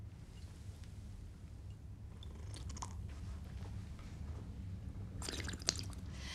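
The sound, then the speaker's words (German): Wet slurping sips from a drink, taken in three sips by old tradition, come in short bursts with pauses between them, over a steady low background hum. No one speaks. “In drei Schlucken trinken, mit Schlürfen dabei.”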